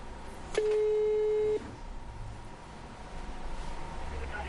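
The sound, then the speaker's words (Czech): A single steady electronic telephone tone sounds for about a second after a brief click as a TV shopping presenter calls a customer, then gives way to faint line hiss and low background noise. “No a já samozřejmě mám i tady u toho produktu spokojené zákaznice, takže my si vytočíme dámy a řekneme si, jak jsou spokojené s produktem a jestli by to doporučili.”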